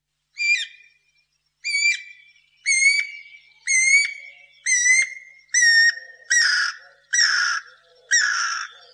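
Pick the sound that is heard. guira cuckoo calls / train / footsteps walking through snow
guira cuckoo calls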